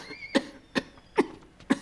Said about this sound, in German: Darf man jetzt nicht einmal mehr husten?